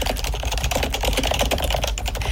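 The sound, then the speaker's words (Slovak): Rapid, continuous typing on a computer keyboard as someone writes a letter, a dense patter of clicking keys with a steady low hum underneath and no voices. “Teda akože klopanie na klávesnicu.”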